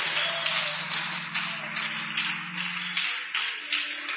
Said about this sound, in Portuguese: E a igreja diz: recebamos a serva do Senhor com palmas para Jesus.